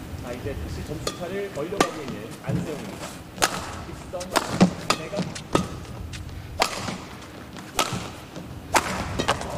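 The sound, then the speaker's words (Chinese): Badminton rackets crack against the shuttlecock in a quick rally during a badminton match, including a straight-line smash, long cross-court shots and an overhead cross-court slice: a string of sharp, punchy hits at uneven intervals over steady arena murmur with faint voices in the background. “点杀直线，哦，这两个大对角，头顶一拍点劈对角线， 守得太稳。”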